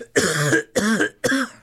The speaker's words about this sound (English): the kick went down to my lungs too, and that's why I kind of cough like this.